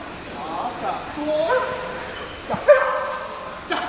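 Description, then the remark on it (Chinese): A large trained dog gives a couple of short, sharp barks on command during a distance-command obedience exercise, one around the middle and a louder one later, against a busy background of muffled voices and crowd noise. “好，现在我们进行的是一个距离指挥的科目，有坐、卧、立、吠叫。”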